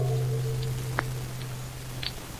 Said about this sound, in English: Hear anything? No, just the clock.